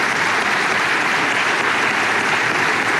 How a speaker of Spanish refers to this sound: Y como lo señalé, el expresidente Piñera lo dijo y lo resumió en una frase que vale la pena, digamos, un aplauso también al presidente Piñera, en paz descanse.